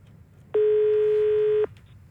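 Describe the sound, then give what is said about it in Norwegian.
A single loud, steady telephone line tone sounds for about a second with a clean, even pitch as a listener's phone call is taken in on NRK P1+ breakfast radio, then cuts off abruptly, leaving faint low background noise with no talking. “Men nå er det på tide å ta inn en telefon igjen.”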